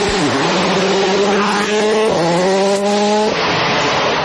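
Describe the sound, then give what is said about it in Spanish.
A loud rally car engine revs hard, its pitch climbing through gear shifts with brief dips between them, as the car accelerates past with a roaring, buzzy exhaust. “¿Y eso? ¿Un auto de rally?”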